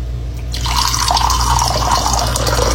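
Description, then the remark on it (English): Cold water pours steadily after a brief quiet start, a continuous bright splashing rush with a hard, slightly metallic edge, fairly loud, over a faint low hum. “That's cold. It's kind of hard and metallic.”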